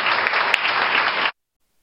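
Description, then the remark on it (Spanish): A crowd in Cali, Valle del Cauca, applauds local leaders for their reconstruction work, with steady, dense clapping for just over a second before it cuts off abruptly into silence. “Porque el Valle del Cauca y Cali es el departamento y la ciudad capital que más avanzada va en materia de reconstrucción, y eso se lo debemos a los líderes que tenemos aquí presentes, para quien les pide un fuerte aplauso por este trabajo.”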